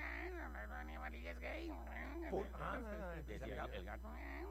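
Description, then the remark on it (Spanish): A person imitates a cat meowing, a run of several drawn-out, wavering meows one after another, fairly loud, over a steady low hum. “¿El gato maullaba así?”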